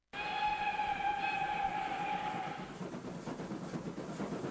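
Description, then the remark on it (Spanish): A train whistle sounds a steady, sustained blast for about two seconds, then gives way to the loud, rhythmic rumble and clatter of the train pulling away. No one speaks. “Radio Comunitaria Gato al Quinta anuncia la salida del tren de las culturas, las artes y las historias de Salamanca.”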